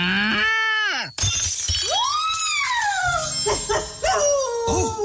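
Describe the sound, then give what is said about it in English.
A startled cow being milked lets out a wavering, high moo, cut off by a sudden loud crash of shattering, then several more rising and falling moos as debris settles. “Oh, I must have scared the cow.”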